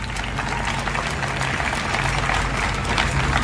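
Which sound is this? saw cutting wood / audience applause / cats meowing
audience applause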